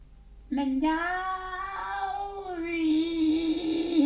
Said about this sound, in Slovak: Kocúr! Mňauk. To je čudná ozvena.